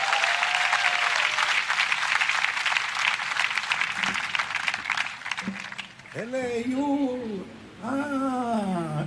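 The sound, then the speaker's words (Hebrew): A crowd at a show on the shore of the Sea of Galilee claps loudly for military bands in a dense, steady burst of applause for about six seconds, then it thins as a man's raised voice speaks over the fading clapping. “איפה מחיאות הכפיים?”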